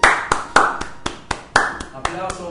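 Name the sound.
applause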